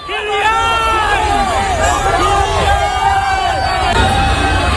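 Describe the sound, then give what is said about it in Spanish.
A loud crowd of fans shouting and cheering at the arrival of Mbappé and the France national football team in Boston, many overlapping voices rising and falling in excited calls, sustained for the whole stretch without a pause. “Así suena la llegada de Mbappé a Boston.”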